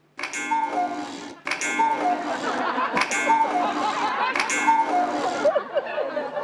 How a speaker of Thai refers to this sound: นาฬิกากุ๊กกูดังขึ้นได้ยังไงอ่ะ กุ๊กกูกุ๊กกูพ่อทำสำเร็จแล้ว